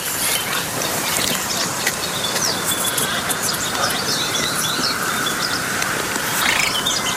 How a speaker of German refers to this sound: Dieses Zwergsumpfhuhn, das gehört zur Familie der Rallen.